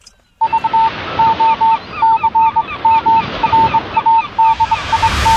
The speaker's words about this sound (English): The man has stopped running up the hill, and the geese are flying off.